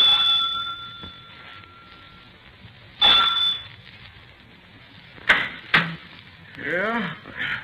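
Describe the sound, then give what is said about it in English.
A police officer rings the front doorbell of a large house converted into a boarding house at night: a long, sustained electric chime, then a briefer ring, followed by a couple of sharp clicks and a voice starting to speak. “I rang the front doorbell.”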